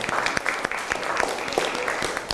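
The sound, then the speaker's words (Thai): A class breaks into applause for the classmates of group 5, many hands clapping in a dense, irregular patter that stays fairly steady and moderately loud for a couple of seconds, with no one talking over it. “ขอเสียงปรบมือให้เพื่อนกลุ่มที่5หน่อยครับ”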